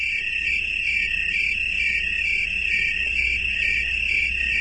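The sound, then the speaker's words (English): A dense, steady chorus of crickets trills continuously, many insects blending into one shimmering high-pitched drone that stays loud and even throughout, with a faint low rumble underneath. “There is safety in numbers for chorusing crickets.”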